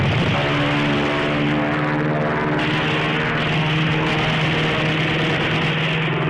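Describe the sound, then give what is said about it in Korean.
An enemy US warplane's engine drones loudly and steadily with a deep harmonic hum, the roar swelling slightly as it dives at a man with a submachine gun on a mountaintop, with no one speaking. “적기는 다시 돌아와서 고추 곽상에게 덮쳐들었다.”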